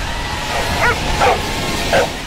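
Three short dog barks come at uneven intervals over a steady wash of outdoor background noise, at the world dog surfing championship held in the United States. Nobody speaks.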